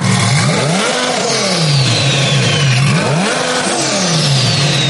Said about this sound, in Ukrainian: Саме так звучить прямоток.